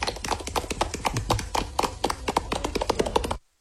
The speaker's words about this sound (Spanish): Aplausos